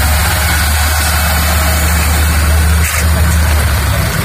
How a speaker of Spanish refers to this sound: Junto a este movimiento de personas, la mañana dejaba también la llegada de autobuses, eso sí, a un ritmo lento.